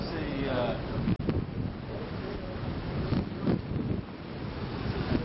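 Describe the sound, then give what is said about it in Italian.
Steady roar of sea waves and gusting wind at the seafront, with a few swelling surges and a sharp buffet, and muffled talk faintly underneath. “Ed eccoci davanti al mare, si sente odore di mare e rumori di mare.”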